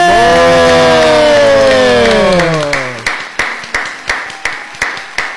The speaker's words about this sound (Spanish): Señoras y señores, viernes de DJ. Fuerte el aplauso para recibir al señor